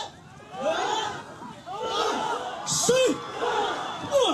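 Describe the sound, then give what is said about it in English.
A crowd of villagers shouts and hollers together in overlapping, rising cries, with a few sharper whoops standing out, sustained loudly for several seconds as they lift a boat together to carry it to the water, in a ceremony before rowing to the Batanes Islands of the northern Philippines. “And with that noise, they're trying to pick up the boat and take it over to the water, all of them together at once.”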